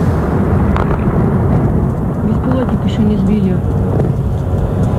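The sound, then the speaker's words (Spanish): Missile explosions and sounds of war: a loud, continuous deep rumble with heavy booming blasts rolling through the whole five seconds, a faint whining tone drifting above it. “Ese sonido de los misiles y ese sonido de la guerra está marcando también los mercados.”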